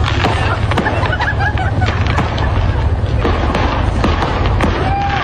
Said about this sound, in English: Here's what happened. It was a truck full of fireworks. A truck full of fireworks? Truck full of fireworks. It went on for about 5 minutes like that. I can't hear you. The fireworks are too loud.